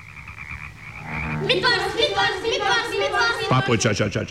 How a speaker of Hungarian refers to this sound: Ott űzi a nádasban a papucsos mesterséget. Körülötte játszanak a békaporontyok, fejest ugrálnak a vízbe, és egyre kuruttyolnak.